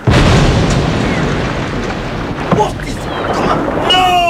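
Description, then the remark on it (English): A bark with two boats tied aft explodes with a loud, deep boom that rolls into a sustained roaring, crackling rumble of fire, leaving a burning hulk, with a sharp burst midway and a voice crying out at the end. “Sir, that was the boat... That's where we were going.”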